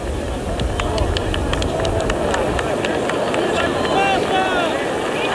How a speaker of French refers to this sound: Et vous entendez les applaudissements qui saluent l'apparition de sa sainteté Paul VI.